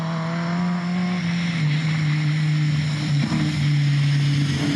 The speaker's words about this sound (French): Oh là là, le moteur il miaule. Ah, ça réagit bien hein. Il y a 212 chevaux. Il y a quand même du couple.